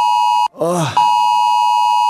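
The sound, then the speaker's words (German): A loud, shrill electronic beep from a mobile phone holds steady, cut off for a moment by a brief vocal exclamation before the piercing tone resumes unchanged. “Bin echt jedes Mal wieder überrascht, wie laut so ein Handy eigentlich sein kann.”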